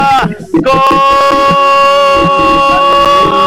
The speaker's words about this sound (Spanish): Escuchamos rugir motores. Vamos a ver si es Roberto Justiniano.